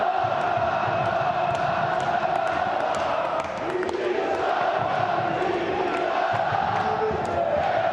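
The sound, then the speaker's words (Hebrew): A dense crowd of about 1,500 Hapoel Be'er Sheva football fans at a match in Romania chants and cheers continuously, a steady roar of many voices with rising shouts and whoops, loud and sustained throughout with no single voice standing out. “נראה שבאר שבע, תצוגת עידוד אדירה, אמנם זה רק 1,500, אבל שנותנים את הלב והנשמה.”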